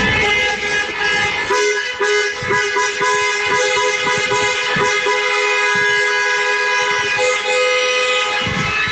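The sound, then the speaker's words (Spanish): A loud, continuous chorus of many vehicle horns honking at once, overlapping tones blaring without pause, from a celebratory procession of cars and an open-top bus after a match, driving from the Cerro to Paseo San Gregorio with scarves waving from the windows. “Y una vez finalizado el partido, procesión de vehículos desde el Cerro hasta el Paseo San Gregorio, una rúa, un autobús descapotable, bufandas ondeando el aire por las ventanillas y desde luego la esperable banda sonora.”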